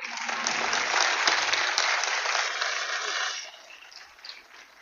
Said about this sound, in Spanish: le pido el favor que me le den un aplauso muy grande.